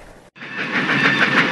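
A steam train rolls past, its wheels rattling in a loud, steady roar with a hissing edge, after a brief cut near the start. No one speaks.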